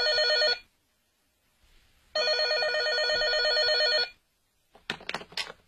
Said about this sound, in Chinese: 才7点多钟，陈玉香床边的电话就响了起来。